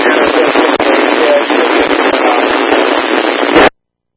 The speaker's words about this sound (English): Oh, I'm getting some of you guys static, over. Was that you again, Sprayer Crew? I can't understand anything you're saying, over.